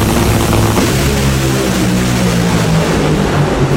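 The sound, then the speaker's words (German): Dragster race car engines roar as the cars race against each other at the Nitro Olympics at the Hockenheimring, where the largest of these machines have 10,000 horsepower. The roar is a loud, unbroken blast, with a deep throbbing rumble under a harsh, hissing wall of noise that stays steady throughout. No one speaks. “Das heißt, hören, was diese Dreckster-Autos da machen, das fühlt man.”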